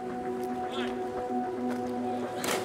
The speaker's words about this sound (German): In der blauen Lagune zwischen der Hauptinsel Malta und der Nebeninsel Gozo tummeln sich Boote jeder Größe.